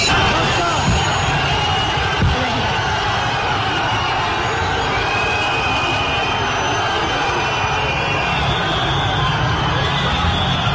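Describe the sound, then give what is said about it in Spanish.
A large crowd boos loudly and without a break, a dense, sustained roar of many voices that holds steady for about ten seconds, booing Spain's president Pedro Sánchez as he is received in Ceuta. “Uy, uy, bueno, eso es un abucheo tremendo que recibió hoy el presidente de España.”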